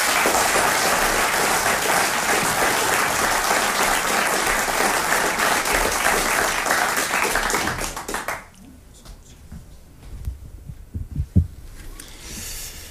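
A crowd claps in loud, dense, sustained applause for about eight seconds for the winner of the Dutch Light Verse championship, then it abruptly drops away, leaving a few scattered low thumps and faint murmuring.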